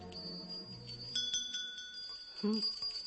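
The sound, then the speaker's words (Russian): Small Valdai hand bells jingle a few times, their bright, shimmering tones ringing on and overlapping, with a brief voice sound near the end. “Валдайские колокольцы. Стоит мне взять их в руки, и сразу же перед глазами Валдай, леса.”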